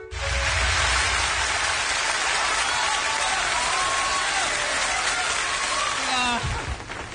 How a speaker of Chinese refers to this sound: 朋友们一鼓掌啊，我明白什么意思，发现我越长越漂亮是吧？谢谢谢谢啊。